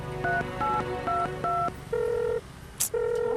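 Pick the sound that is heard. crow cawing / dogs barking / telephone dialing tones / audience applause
telephone dialing tones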